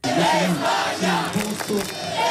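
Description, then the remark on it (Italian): Spanish football fans celebrate loudly in the streets of Rome after the World Cup final, shown on big screens around the city, with overlapping shouted voices and chanting that stays dense and energetic throughout, forming a continuous wall of cheering. “Mondiali di calcio, la festa dei tifosi spagnoli anche per le strade di Roma, in tanti hanno assistito alla finale sui maxi schermi sparsi per la città.”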